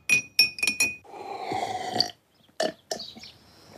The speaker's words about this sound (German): Ich nehme jetzt die gelben Blüten aus dem Glas und lasse einen Teelöffel Honig hineinfließen. Nun mit heißem Wasser aufgießen und kräftig umrühren.